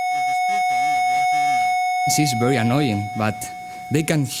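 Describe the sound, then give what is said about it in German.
A female mosquito's wingbeat buzz: a thin, steady, high-pitched whine that holds one unchanging pitch for the whole clip while voices talk over it. “Und zwar ist das Sinnesorgan des Mückenmännchens exakt auf die Flügelschlagfrequenz des Weibchens abgestimmt.”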